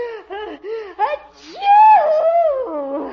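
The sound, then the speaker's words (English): A theatrical, voiced sneeze: four short, rising gasping syllables build up, then a brief breathy burst and a long, loud, wavering pitched cry that slowly trails off. “Gesundheit.”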